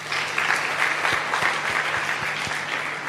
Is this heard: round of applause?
yes